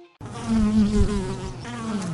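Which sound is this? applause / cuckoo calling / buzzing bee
buzzing bee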